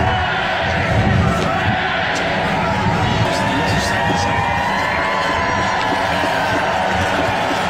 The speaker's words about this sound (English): The crowds cheered as King Charles, Queen Camilla, and the Prince and Princess of Wales stepped onto the Buckingham Palace balcony